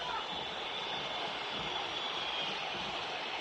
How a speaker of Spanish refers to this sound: Silbido monumental.